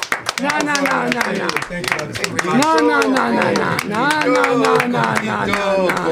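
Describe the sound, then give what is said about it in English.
A small group of band members applaud themselves at the end of a show on Resonance 104.4 FM, clapping steadily for several seconds, the sharp claps running throughout while several voices talk and call out loudly over them. “You don't need to applaud yourselves.”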